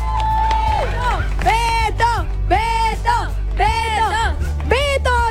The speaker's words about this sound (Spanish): ¡Aplausos para nuestro ganador, por favor!